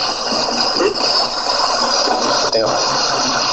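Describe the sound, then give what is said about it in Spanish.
A loud, constant hiss of white noise fills the whole recording of a psychophony, with a faint, muffled voice buried deep beneath it, barely intelligible through the static, seeming to say 'sí, te oigo', cut off in the middle. “Ese ruido blanco y extraño, y parece que se escucha la voz por ahí abajo, ¿verdad?”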